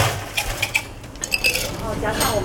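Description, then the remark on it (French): Ice cubes clatter into a glass holding tapioca pearls as a tea maker prepares milk tea, a quick run of bright, hard clinks at an uneven pace, over a low background hum with faint voices. “Il va ajouter des glaçons.”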